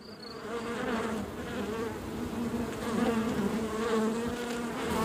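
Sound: honeybee buzzing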